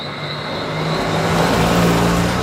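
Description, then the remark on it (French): A car drives down a steep road to Soufrière, a small village in the south of Dominica in the Caribbean, surrounded by cliffs and forest. Its steady engine hum and road noise swell slightly louder as it goes, with no voices. “Il faut des bons freins pour venir à Soufrière.”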